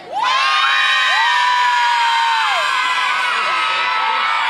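Several hundred spectators in the open stand section at an open national team training session on an ordinary weekday cheer loudly and continuously, a dense wash of high-pitched shouts and whoops, many sounding like children, that holds steady for several seconds.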